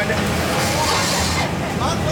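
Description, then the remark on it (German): A loud, steady roar of a blower on a bell foundry furnace melting copper and tin into bell bronze, a dense rushing noise that holds constant throughout with no pauses, overpowering. “Und es ist sehr laut durch ein Gebläse.”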